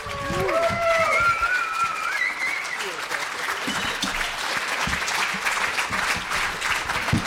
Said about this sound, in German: Euer Applaus. Toller Film.